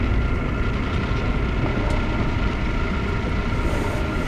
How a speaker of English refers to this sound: Is that the train? What? It's like movies from the concentration camps of prisoners, isn't it? Yeah. So we're in the tunnel now.